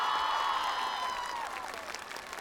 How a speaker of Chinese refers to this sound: 谢谢，来掌声给我们的四位舞者。